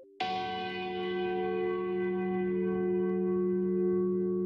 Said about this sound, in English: In Samoa's capital, Apia, church bells ring out to welcome the faithful to worship.